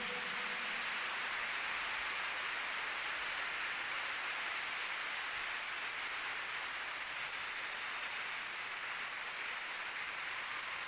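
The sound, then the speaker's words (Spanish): An audience applauds loudly for Jesus Christ, a dense, steady wash of clapping that holds at an even level for about eleven seconds, with no voices heard over it. “Denle un aplauso fuerte a Jesucristo.”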